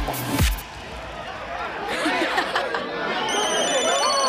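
A telephone rings with a bright, high electronic ringtone over busy background chatter and crowd noise, the tone becoming clearer toward the end.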